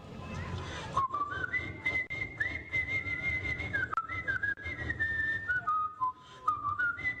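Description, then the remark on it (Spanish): A man whistles a porro tune while pounding rice with a pestle, a bright melody that steps up and down in short phrases and carries on for several seconds over a low, rumbling background. “Ellos pasaban pilando y él pasaba chiflando porro.”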